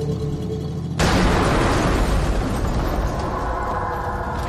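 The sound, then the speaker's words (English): After a second of low idling hum from a truck that has just been started, a bomb in the truck suddenly explodes loudly and gives way to a heavy, roaring rumble that lingers and only slowly eases off. “He said the explosion didn't happen until after Nathan started the truck.”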